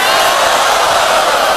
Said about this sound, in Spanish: fuerte el aplauso para Nino.